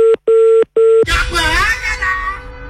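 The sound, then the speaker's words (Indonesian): Three steady electronic phone tones sound in even succession as a call is placed again, each lasting about a third of a second, then the line picks up and a voice begins talking over slight background noise. “Mungkin saya telepon lagi ya.”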